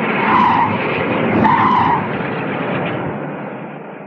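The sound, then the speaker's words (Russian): A patrol car's engine roars loudly with tires squealing as it pulls away hard, speeding off toward town, the sound staying strong for a few seconds before easing off slightly as the vehicle speeds off. “Заскрежетало сцепление, дико взревел двигатель, сквозь кусты мелькнули красные и синие сигнальные огни, и патрульная машина, сорвавшись с места, бешено набирая скорость, понеслась к городу и исчезла за стеной.”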